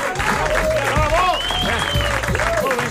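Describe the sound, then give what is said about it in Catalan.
A large audience claps loudly and steadily throughout at the end of a micro-theatre performance, a dense continuous roar of applause with voices shouting bravo and cheering over it. “El públic comença a aplaudir. Primer només una persona. Després dues persones. I després tothom aplaudint molt fort.”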